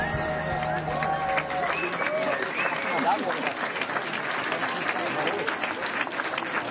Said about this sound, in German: Ach, ist das schön, ich könnte stundenlang hier stehen und euch zuhören, wie ihr klatscht.